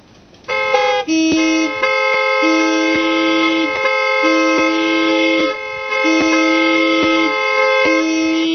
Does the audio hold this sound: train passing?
no